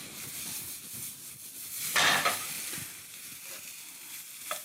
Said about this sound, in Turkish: Evet, bakın şöyle hafiften bir soteleme işlemi yaptık tavayı.